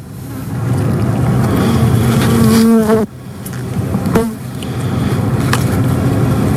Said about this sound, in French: Et donc c'est l'épisode numéro 3 sur les abeilles, où on entend le scientifique … qui parle justement de ce qu'est une abeille et aussi du son qu'elles peuvent produire.